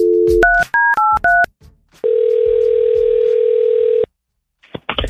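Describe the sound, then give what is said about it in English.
A phone call being placed: a rapid run of about half a dozen touch-tone beeps, each a short dual-pitched chirp, followed by a loud steady telephone tone that holds for two seconds and cuts off into near silence. “So we've had some days to process, and we're going to call Julie back.”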